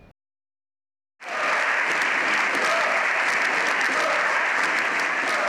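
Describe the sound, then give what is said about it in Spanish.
After a brief silence, loud sustained applause erupts from a large crowd in a parliamentary chamber, dense and continuous, with shouting voices mixed in throughout: the Socialist benches applaud while the opposition shouts demands for the resignation of the president of the government. “La bancada socialista aplaudiendo la de la oposición, pidiendo a gritos la dimisión del presidente.”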